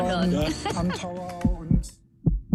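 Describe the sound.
A deep, thumping heartbeat sound effect, with paired low thuds pulsing steadily, first under a lively voice and then standing alone for the final beats.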